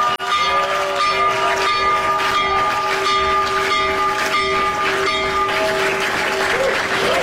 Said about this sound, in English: One, he rung the opening bell for the New York Stock Exchange from the Oval Office. I didn't know that you could do this remotely, but it turns out if you're President of the United States, you're allowed to do a remote opening bell. Listen to this.